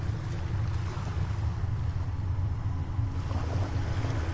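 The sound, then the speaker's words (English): Steady ocean surf from recordings of many different oceans fading in and out of each other, with a deep, rumbling low end and a constant wash of noise, shifting slightly in texture as the different wave sounds blend together. No voices. “And this is a recording not of one ocean, but of many oceans. It's different recordings kind of fading in and out of each other.”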